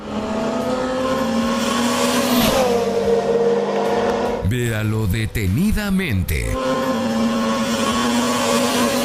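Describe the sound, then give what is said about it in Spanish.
Loud, continuous engine roar of cars speeding past on a road, one sweeping by with a falling pitch, while a man speaks briefly over the traffic partway through. “Los autos pasan volando y parece que el perro estaba justo entre ellos.”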